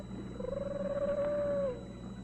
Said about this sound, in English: No, it's a bobcat.